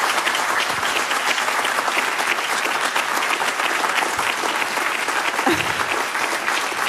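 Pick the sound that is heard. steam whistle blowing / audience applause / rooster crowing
audience applause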